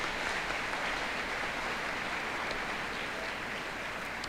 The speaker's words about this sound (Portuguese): Deus abençoe, uma salva de palmas.